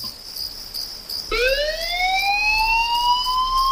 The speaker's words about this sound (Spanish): Son las 4 de la madrugada. Suena un aviso. Alguien necesita ayuda en algún punto de la isla. Y mientras tú duermes tranquilo, Bomberos de Tenerife ya está en camino.